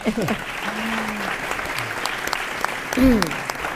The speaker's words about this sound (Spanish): Un aplausito.